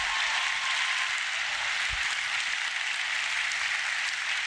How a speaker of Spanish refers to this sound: Dale un aplauso a eso, está poderoso. ¡Wow!